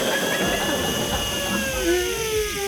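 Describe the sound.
A voice imitates a hotel hair dryer with a steady, loud whirring hiss, its high whining tones sliding slowly in pitch across nearly three seconds of unbroken sound.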